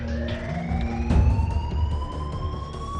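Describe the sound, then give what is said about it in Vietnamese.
An alarm on the 18th floor, not yet switched off, blares continuously, its steady electronic tones slowly climbing in pitch, with a brief louder burst partway through. No one speaks. “Tại sao chuông báo động không bị tắt?”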